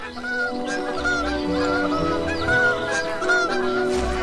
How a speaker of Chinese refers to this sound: 清晨，低沉而短促的鸣叫宣告着新生命的到来。一个月的等待终于有了回报，斑头雁宝宝破壳而出，爸爸兴奋地直跟邻居们炫耀。